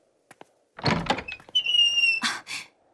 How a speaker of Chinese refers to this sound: 谁？ 我去开门。